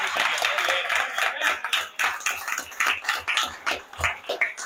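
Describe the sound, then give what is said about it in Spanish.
Audience applause for everyone fills the whole stretch: dense, crackly clapping from many hands, steady and fairly loud with rippling swells, and no one speaking over it. “Un aplauso para todos.”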